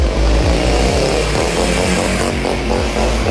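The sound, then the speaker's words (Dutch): A woman rides a large motorcycle past a noise camera in Rotterdam, Netherlands, as a test: the loud engine roars, revving hard with rising and falling pitch sweeps as it speeds past, filling the whole clip with no talking. “Ja, voor de proef lieten ze deze vrouw op een grote motor langs de camera scheuren.”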